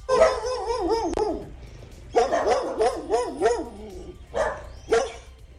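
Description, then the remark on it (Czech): A dog barks and yips loudly in rapid, wavering bursts, in three clusters separated by short pauses, with no one speaking. “Zajímá nás, kde je tenhle ten pejsek a co říká.”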